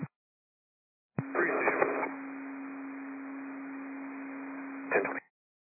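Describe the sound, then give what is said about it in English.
A single steady, mid-pitched fire dispatch alert tone for Fire District 2 holds for about four seconds over a radio channel, framed by short bursts of static and crackle as the transmission opens and closes. “Fire District 2, did you hear tones?”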